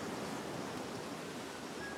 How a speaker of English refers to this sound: That waterfall.